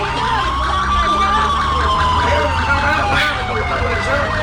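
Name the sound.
emergency vehicle siren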